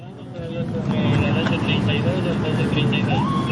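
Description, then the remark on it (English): A steady rumble of idling engines from four police cars at the scene of a killing in the city of Durán, Ecuador, with about a dozen armed police officers and local people looking on, faint voices, and a brief rising whine near the end. “There are four police cars, about a dozen or so armed police officers here.”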